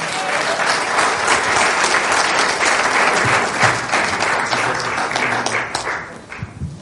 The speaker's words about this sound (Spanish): Recibamos con un fuerte aplauso a nuestro hermano